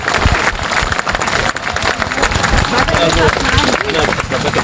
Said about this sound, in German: Als sich der Sturm legt, bleibt nur noch ein begeistertes Publikum. Standing Ovation und minutenlanger Beifall ertönen für das Schauspielensemble der Folkwang-Universität.